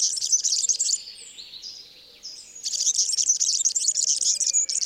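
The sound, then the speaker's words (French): A European serin, a tiny, very yellow bird and cousin of the canary, sings a rapid, high, squeaky jingle of buzzy, tinkling notes in two bursts with a brief pause between, fairly loud over a faint low background hum. “c'est un tout petit oiseau avec beaucoup de jaune, c'est le serin-cigny. Un cousin du canari, le serin des canaris. Donc lui, il a un chant très grinçant qu'on entend ici.”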